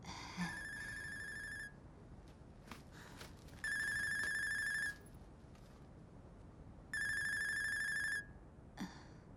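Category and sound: household object, telephone ringing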